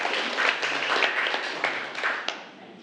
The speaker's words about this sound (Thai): เป็นไงปรบมือขอบคุณสื่อดีๆสำหรับวันนี้นะคะ